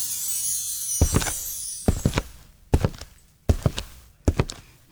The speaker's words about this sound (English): No, that is someone walking with, like, that's someone walking with Cuban heels.